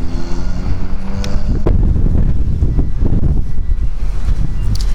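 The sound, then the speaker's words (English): Strong wind buffets the microphone outside a grocery store in heavy, rumbling low-frequency gusts that stay loud and continuous throughout, with no voices, just the roaring blasts of air outdoors. “Oh, it wasn't supposed to be this windy.”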